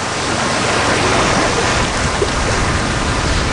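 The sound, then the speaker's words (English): A loud, steady roar of stormy sea with rain around a sailboat, a dense wash of crashing water and spray that fills the whole stretch without pause or voices. “sits cross-legged on the deck in the storm, barefoot, wearing only his board shorts, his long body bent against the rain, sewing the sail by hand with a needle and thread.”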